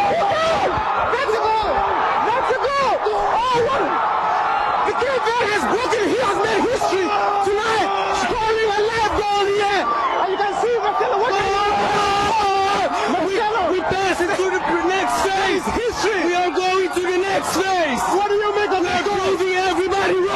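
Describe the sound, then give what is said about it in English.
A large crowd in Cape Verde roars and cheers continuously at full volume for about twenty seconds as their team scores its first-ever World Cup goal, heard during a BBC live interview; a dense wall of shouting, whooping and wailing voices with no let-up. “And listen to the crowd.”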